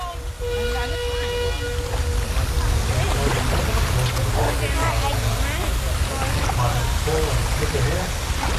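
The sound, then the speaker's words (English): Outdoor riverside ambience by the Murray River in the Riverland, Australia: a steady low wash of water and breeze, with birds chirping and twittering throughout, and a drawn-out tonal call in the first couple of seconds. “Well, I'm not on the Murray. I'm by the Murray.”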